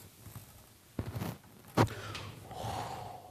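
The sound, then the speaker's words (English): A deep, airy breath drawn in, a brief catch, then a long, steady breath pushed out, with no talking. “Wenn ihr eure Muskeln streckt, you always breathe deep. Dann atmet ihr immer tief.”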